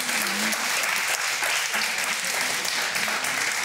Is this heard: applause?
yes